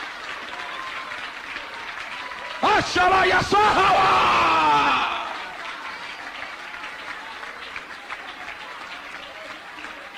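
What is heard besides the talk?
audience applause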